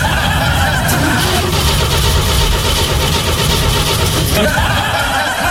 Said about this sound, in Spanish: Recién comprado y no puede hacer partir ese auto ahora.